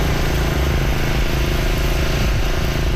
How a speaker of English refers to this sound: The pumps are going full tilt in the town about 65 kilometers east of Edmonton.